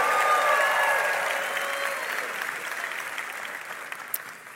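Sustained audience applause, a dense steady clatter of many hands that holds loud at first and slowly tapers off, with faint whistles or cheers mixed in early.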